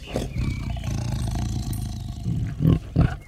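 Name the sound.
tiger roaring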